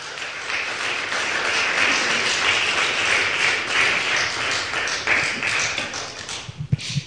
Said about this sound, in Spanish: ¿Cuántos dicen gloria a Dios? Un aplauso, eso.